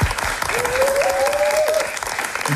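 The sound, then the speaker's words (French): A crowd claps steadily, a dense wash of applause filling the whole moment, with a brief whistle rising above it and faint voices mixed in. “Ça s'applaudit. Bravo.”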